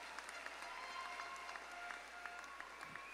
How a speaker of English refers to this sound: Please give them a round of applause as they sit.